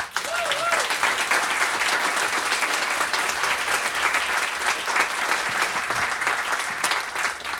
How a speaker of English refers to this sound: Please give a hand of applause.